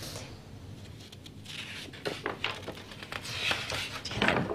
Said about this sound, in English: Nice crackle sound of the pages. So satisfying, so wonderful.